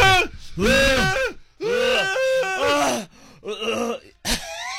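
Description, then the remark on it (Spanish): A young woman chokes on food made very spicy with chili, letting out several loud, strained, wheezing groans in a row, then a sharp, breathy cough at the end, recorded on a cell phone video. “se ve en el video cómo la chava se está ahogando de lo picoso que está la comida”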